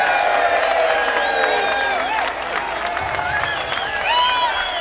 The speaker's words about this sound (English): put our hands together and give Mr. Keith Strauss a great round of applause